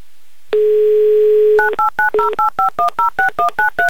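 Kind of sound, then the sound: signal or alarm, telephone number being dialed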